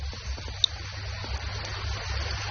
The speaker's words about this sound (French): Où est-ce que l'on est? On est au bord d'une rivière. Est-ce que tu entends l'eau de la rivière?